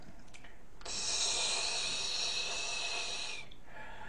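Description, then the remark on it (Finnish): A person imitates a snake with one long, steady hiss lasting about two and a half seconds, fairly loud, with quiet breathy sounds before and after. “Ensimmäinen on käärme.”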